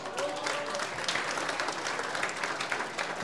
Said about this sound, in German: Schöner Marsch, Bustra, Heimatmarsch, der Komponist heute auch anwesend. Herzlich willkommen. Der Hans Rieder aus Rodeneck hat sich einen Applaus verdient.